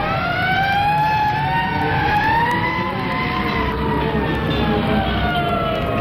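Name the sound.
police car sirens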